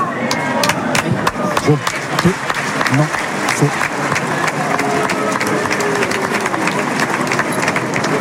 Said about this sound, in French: Julien Lopez qui l'applaudit. Certainement pour l'opiniâtreté.